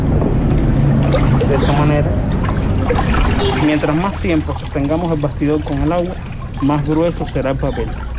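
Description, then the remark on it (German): A papermaking frame is dipped and swished through paper pulp in a tank, giving a steady sloshing and trickling for a few seconds before a person starts talking over the fading splashes. “Je länger wir den Rahmen im Wasser haben, desto dicker wird das Papier.”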